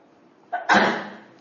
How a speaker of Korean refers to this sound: 재채기하면서.